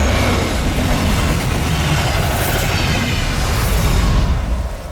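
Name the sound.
approaching train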